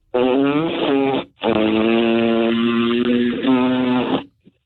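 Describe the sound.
A voice imitates a motorboat engine with a loud, buzzing lip trill, a short burst followed by a longer sustained rumble, with no other talking.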